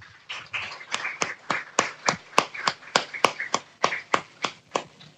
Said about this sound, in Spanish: Así que pues un aplauso para ella y ojalá que disfruten.